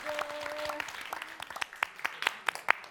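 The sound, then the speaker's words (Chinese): A singing-competition audience applauds singer Dou Jingtong steadily, a dense patter of many hands with sharper individual claps standing out toward the end. A brief sustained musical tone sounds beneath the opening moments. “祝贺齐豫第一个进入最终的歌王人选的范围，也把掌声送给彤彤。”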